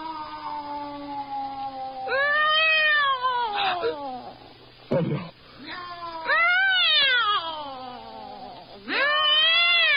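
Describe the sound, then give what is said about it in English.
A cat yowls loudly in several long, drawn-out meows that rise and fall in pitch as it gets up and goes to the window, with short gaps between them over a faint low hum. “Why go to the window? What do you want out there? Meow.”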